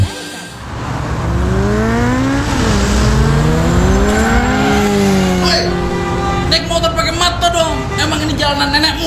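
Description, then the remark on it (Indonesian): A motorcycle engine revs loudly on a road, its pitch climbing and dropping in repeated sweeps as it roars past, a continuous throaty whine filling the whole stretch. “Pakai etika dong naik motor.”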